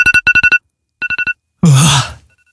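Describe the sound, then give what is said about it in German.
A phone alarm ringtone beeps in quick bursts of electronic tones, first two rapid clusters then another, followed by a loud, drawn-out groaning sigh from a person waking up. “Der Handywecker, sagt mal, wie ist das bei euch am Wochenende, unter der Woche, wenn ihr definitiv aufstehen müsst, seid mal ganz ehrlich, haut ihr da auch mal öfter auf die Snooze-Taste”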